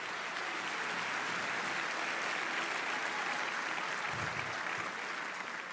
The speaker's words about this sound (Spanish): Dale un aplauso si puede, pero con fuerza.